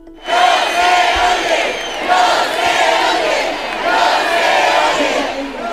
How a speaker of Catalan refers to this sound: I canvien de tema, escolten ara els xiulis del públic pel baix volum de les actuacions del Festival Musical de les Arts a València.